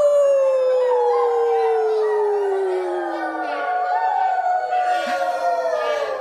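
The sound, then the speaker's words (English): A crowd of voices at a church gathering imitates a wolf howl together, a long, loud, sustained wail that slowly slides downward in pitch, with many overlapping voices blending into one drawn-out cry. “Brother wolf? Ow!”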